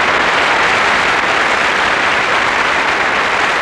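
A crowd applauds loudly and steadily, a dense, continuous wash of many hands clapping with no voices heard over it.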